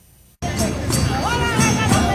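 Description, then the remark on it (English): A crowd of hundreds at the annual Portugal Day Parade celebrating Portuguese culture, along St. Clair Avenue from Oakwood to Caledonia Road in the city's west end, with live music and floats: loud, steady babble of many overlapping voices with occasional rising shouts, bursting in abruptly after a brief moment of near silence. “From live music to floats, this highly anticipated parade always draws a crowd.”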